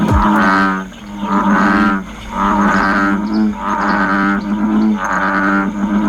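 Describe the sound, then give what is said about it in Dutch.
An American bullfrog gives a series of loud, deep lowing calls, about five drawn-out droning croaks in a steady rhythm with brief pauses between, rich in low harmonics, with no talking. “Er kwamen al klachten binnen over het harde, loeiende geluid van het dier.”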